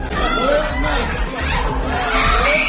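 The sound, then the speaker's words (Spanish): Grief-stricken screaming and wailing from the family of a 3-year-old boy killed in an Israeli attack on the Gaza Strip, several overlapping voices rising and falling in pitch over a dense crowd babble, loud and unbroken throughout. “Son los gritos de la familia de un niño de 3 años al que Israel ha matado en su último ataque contra la franja.”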